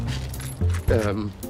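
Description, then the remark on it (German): Keys jangle in a brief metallic clinking as they are handed over from one person to another, with a voice sounding over the rattle. “Na komm, gib mir die Schlüssel und ich erledige den Rest und dann könnt ihr noch zu eurer Hochzeit.”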